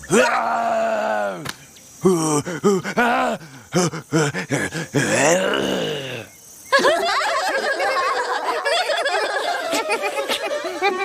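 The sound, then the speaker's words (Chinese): A person tries to roar, but it comes out as a series of strained, wavering groans and squeaky vocal bursts, followed by a longer stretch of busy, chattering vocal noise. “现在换你吼了，我们要听你吼， 我们要听你吼， 我们要听你吼。”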